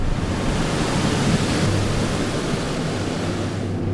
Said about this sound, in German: Danach folgt eine Luftdusche. Für die nur wenige Millimeter kleine Tigermücke ist der Luftstrom eine unüberwindbare Barriere.